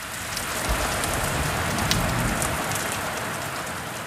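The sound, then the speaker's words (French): Steady rain patters onto a surface, a dense, even hiss of drops with occasional louder splats, constant throughout with no voices. “Il avale quelques gouttes de pluie.”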